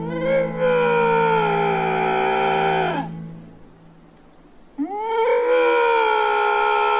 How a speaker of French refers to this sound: Et après, on a des lynx.